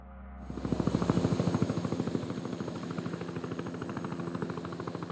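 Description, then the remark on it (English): Helicopters landing and taking off at a military base that serves as the centre of a search and rescue operation, bringing back the stranded and the dead, rotor blades thudding in a fast, steady chop over a loud engine whine. No one speaks. “Helicopters landing and taking off every few minutes, bringing back the stranded and the dead.”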